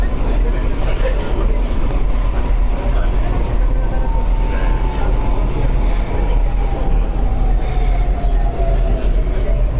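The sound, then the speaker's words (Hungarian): A driverless, automatically operated train running at steady speed in regular service, with a person only supervising: a loud, continuous rumble with a faint whine above it, and murmured voices underneath. “Vezető nincs is, ez úgy közlekedik most már élesben is, hogy...”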